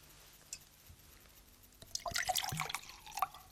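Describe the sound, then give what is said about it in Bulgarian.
Water is poured into a glass, a gurgling, splashing trickle that starts after a brief quiet moment and continues to the end, with a faint clink early on. “Може ли чаша вода?”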